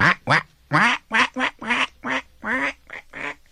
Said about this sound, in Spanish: Veía también a los patos, en su lago de espejo, que echaban relajo y se salpicaban con las alas.